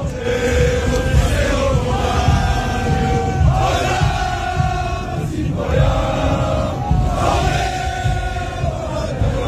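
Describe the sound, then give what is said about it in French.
A large French crowd chants, sings and yells together outdoors in Times Square, from 42nd to 47th Street, loud and dense, with rising surges of voices repeating in a rhythmic pattern every couple of seconds over a constant roar. “La foule française a hijacké Times Square ce soir-là de la 42e à la 47e en chantant.”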